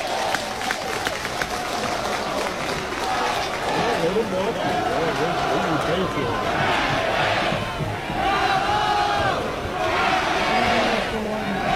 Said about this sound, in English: Georgia Tech crowd into it. Trying to help the home team.